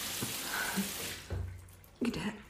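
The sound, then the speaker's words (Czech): A tap runs with a steady rushing hiss for about a second, then cuts off, followed by a couple of soft clunks. “Pusť vodu.”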